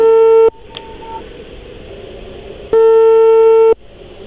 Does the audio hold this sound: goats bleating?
no